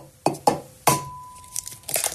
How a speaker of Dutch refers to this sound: Oh, het openbreken van mijn ei natuurlijk.